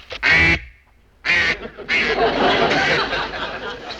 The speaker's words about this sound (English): I think it was a seagull with a cold. Sounds like a duck to me.